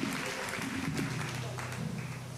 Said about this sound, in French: On applaudit le second Dieu dans la vie, l'ange de l'église, le pasteur de l'église, la gloire de Dieu.